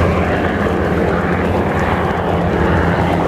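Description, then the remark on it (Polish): A loud, continuous roar of a military jet, such as an F-16 or F-35, passing overhead during a rehearsal in the Polish capital for the 15 August Polish Armed Forces Day air parade. A dense rumbling engine noise stays steady and powerful throughout, with no voices. “Mieszkańcy i turyści mogli podziwiać m.in. samoloty F-16 i F-35, a także śmigłowce Black Hawk oraz Apache.”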